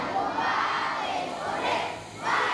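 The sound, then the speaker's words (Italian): A large group of children in Cuba sings the national anthem together in unison, greeting a caravan of parliamentarians and NGOs bringing school supplies from Italy. Their voices are loud, rising and falling in steady waves like a chanted anthem with a crowd-like wash behind them. “Una fornitura invece arriva dall'Italia, portata dalla carovana di parlamentari e associazioni ONG che i bambini salutano cantando l'inno nazionale.”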